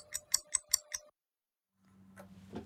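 A clock ticks five times in a steady, evenly spaced, crisp rhythm, then falls silent before a low hum and faint rising sounds begin; the radio time signal before the 13:00 news of Český rozhlas Plus.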